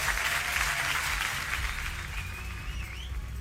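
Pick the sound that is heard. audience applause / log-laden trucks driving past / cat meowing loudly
audience applause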